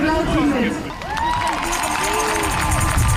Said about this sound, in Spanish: Ambiente de esta tarde en la plaza de la catedral, justo delante del Parlamento Estatal. La gente frente a un escenario aplaudiendo los discursos contra Alternativa para Alemania.